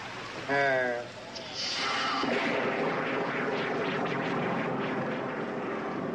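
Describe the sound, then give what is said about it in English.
A brief voice at the start, then a steady, dense hiss of rain falling fills the rest, loud and continuous with a faint rushing texture. “Yes, it's raining.”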